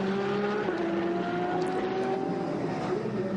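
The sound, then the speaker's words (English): Loud, continuous roar of racing engines with steady droning tones that shift slightly in pitch as cars pass by on track, including the Krohn Racing 907 Porsche getting past a Ligier, with no talking over it. “That's the Krohn Racing 907 Porsche to getting past the Ligier.”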